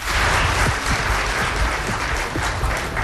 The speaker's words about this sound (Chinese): 感谢各位的掌声， 谢谢大伙儿